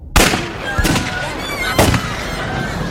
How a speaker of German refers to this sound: Kaum war ich auf dem Weg zur Apotheke, als ich es knallen hörte. So ähnlich wie bei dem Feuerwerk, das die Kinder zu Weihnachten abbrannten.